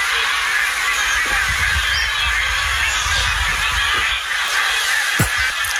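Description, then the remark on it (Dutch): A large flock of geese flying over a campsite honks overhead in a continuous, overlapping chorus, partly blurred into a steady wash of background noise, with one sharper sound near the end. “De ganzen die overvliegen over onze camping.”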